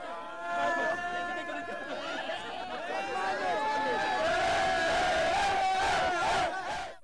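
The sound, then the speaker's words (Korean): A dense crowd of Mexican football fans in a square roars and shouts continuously, many voices overlapping into loud, sustained cheering with rising chant-like yells throughout. “한국인 관중의 인터뷰도 그 뒤를 둘러싼 멕시코 팬들의 함성 때문에 소리가 들리지 않을 정도입니다.”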